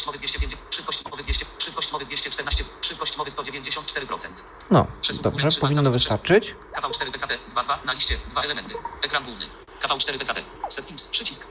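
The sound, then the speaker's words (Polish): Steady radio receiver static hiss, heard through the KV4P app in Simplex mode at 446.000, fills the whole stretch, with a few warbling tuning squeals partway through, while a man talks over it. “Ale już słyszymy to, co mamy słyszeć. I to jest eter.”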